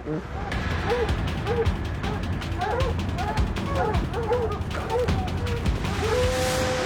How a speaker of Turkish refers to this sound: Önümde ilerleyen köpekleri duyabiliyorum. Evet, buldum. Şuradalar. Köpekleri görebiliyorum. Şu ağaca dayanmışlar.